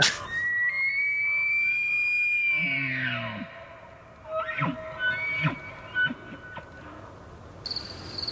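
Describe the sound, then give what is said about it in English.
A moose call: a long, loud, sustained tonal cry with a strained, harmonic-rich quality that bends downward, a brief low moaning tone, then scattered short cricket chirps and clicks. No one talks. “I think we've got a moose call that we can use here for reference.”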